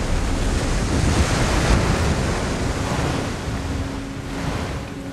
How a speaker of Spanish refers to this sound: Temístocles se aleja de Calisto. Su barco surca las olas.